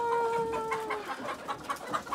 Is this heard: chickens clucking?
yes